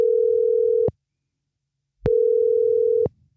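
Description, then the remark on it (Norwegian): Two long beeps of a telephone ringback tone as a P6 Rock radio host calls a contest winner, a steady low electronic hum separated by about a second of silence, heard clearly and alone, with faint background noise during each tone. “Og nå håper jeg at den personen jeg ringer opp blir skikkelig glad når jeg skal fortelle at vedkommende får lov å reise til England”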